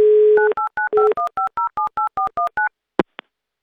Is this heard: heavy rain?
no